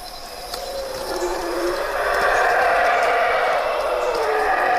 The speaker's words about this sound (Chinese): 吼猴的叫声是低频的